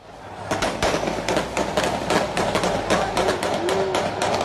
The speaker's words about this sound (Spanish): Puro cuernos de chivos y escopetas. Parecía una masacre. Aunque el plomo no era de guerra, esta vez era para festejar.